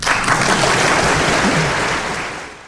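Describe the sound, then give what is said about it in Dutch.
An audience of Leuven students claps steadily for Jos Gijzen in a dense, sustained burst of applause, loud, gradually fading toward the end. “Jos Gijzen voor een dankbaar publiek van Leuvense studenten.”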